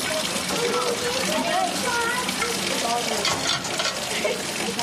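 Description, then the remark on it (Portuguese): Tap water runs in a steady hiss as a father rinses and washes dishes at a sink, with faint voices murmuring underneath throughout. “Meninas, quando o papai acabar de lavar a louça, a gente vai, tá?”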